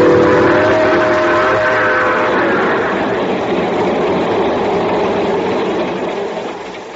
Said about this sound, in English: sitting in the observation car of the train just pulling out for Palo Alto, California.